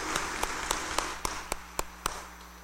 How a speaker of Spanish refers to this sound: démosles un fuerte aplauso de felicitación.